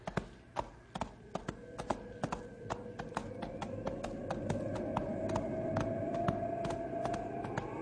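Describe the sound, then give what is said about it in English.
A horse's hooves clip-clop at a steady walking pace along a trail in falling snow, sharp regular clops over a low rumbling background with a faint rising whistle-like tone, no voices. “Wish my horse thought so. We better push a little faster. Up, boy.”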